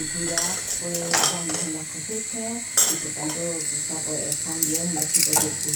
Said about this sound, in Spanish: Por una parte suenan tenedores, suenan también cucharas, vuelan cuchillos, una tos seca y de fondo una cisterna.